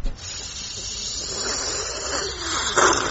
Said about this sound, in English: It is an old kettle. We have to keep the button depressed throughout the boiling process.